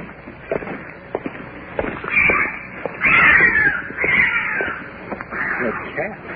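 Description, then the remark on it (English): A cat lets out a series of harsh, raspy, drawn-out yowls, three or four cries in a row, loud and grating over a low rustling background. “What is that? It's a cat.”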